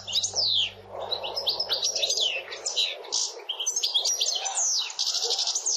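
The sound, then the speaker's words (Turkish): European goldfinch song: a fast, continuous stream of bright, tinkling twitters and trills with quick buzzy notes, lively and fairly loud throughout, with no talking. “Şu anda sakayı dinletiyorum.”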